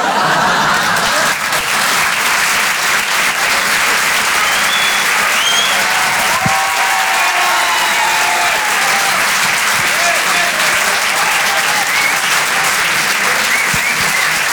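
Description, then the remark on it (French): Sustained audience applause at the Rire et Chanson Comedy Club for stand-up comedian Amandine Lourdel, a dense steady wash of clapping from many hands that stays loud and even throughout, with faint cheers and murmurs mixed in. “On peut l'applaudir très, très, très, très fort.”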